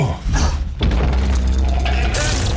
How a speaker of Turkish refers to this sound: Sallanıyoruz. Deprem, kapı altına girin.